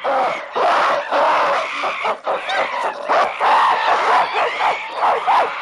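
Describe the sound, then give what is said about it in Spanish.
Loud, overlapping aggressive cries and screeches from two rival monkey groups, pond residents defending their water against invaders, a dense unbroken clamor of shrieks and barks with no talking, sustained throughout. “Los invasores no se arredran y responden con iguales gestos y gritos agresivos.”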